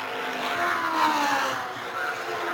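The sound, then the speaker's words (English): Race cars roar past on a track under a green flag at the start of the 134th lap, the first four cars on the same lap, in a steady, loud wash of engine noise, their droning tones sliding slightly in pitch as they go by. No clear speech is heard. “The first four cars are running on the same lap at that point.”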